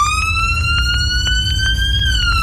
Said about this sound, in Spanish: Sí, las sirenas de la ambulancia que chocó